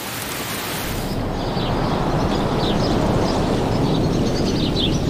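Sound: rain falling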